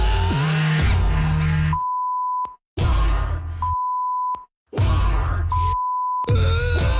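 Loud music keeps getting interrupted by steady, high-pitched censor bleeps, about three of them, each cutting in for half a second or so amid brief silent gaps, bleeping out words of a song.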